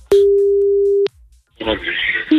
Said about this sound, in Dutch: We gaan bellen. En de 50 seconden gaan in vanaf het moment dat de telefoon wordt opgenomen.